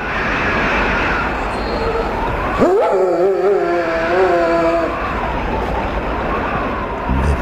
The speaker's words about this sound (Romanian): Se auzea urletul unui câine.